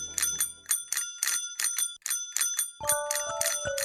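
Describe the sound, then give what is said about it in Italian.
A telephone rings out as a call is placed to a nature guide's number, with a bright, metallic bell, its rapid strikes falling in quick paired bursts. Near the end a steadier tone joins in. No one speaks. “Squilla molto bene il numero”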